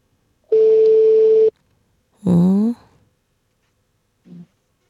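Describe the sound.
A single long, steady telephone ringing tone hums for about a second, as heard by the caller on a call placed at 4:50 in the morning from the Swedish radio program Vaken med P3 och P4, followed by a brief voice answering and a short faint sound.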